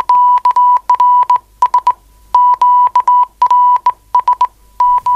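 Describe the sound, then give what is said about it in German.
A steady single-pitched tone keyed on and off in quick dits and longer dahs, Morse code sent from a telegraph key in grouped bursts with short gaps, loud with no voices. “Wenn der Partner allzu unbeholfen am Morse-Taster ist, wird der andere etwas frecher.”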